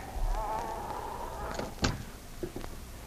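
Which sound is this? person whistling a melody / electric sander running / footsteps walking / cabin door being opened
cabin door being opened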